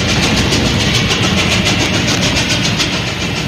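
A loud, steady roar of a train engine running on rails, with a faint rhythmic clatter pulsing through the constant rumble, continuous throughout.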